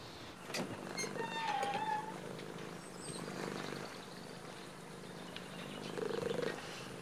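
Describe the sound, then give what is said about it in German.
A cat purrs steadily, a continuous low rumbling that holds for several seconds, with a few faint higher chirping tones drifting through the background. “Hast du einen Katzenkorb für ihn, oder?”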